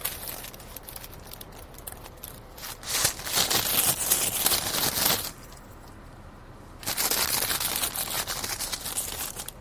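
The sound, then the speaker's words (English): Crunchy, crackling ASMR chewing comes in two bursts of crisp bites and crinkly mouth noise, separated by a brief quieter pause. The sound is moderately soft, and no one speaks. “Like I said, I don't really chew loud, so, you know.”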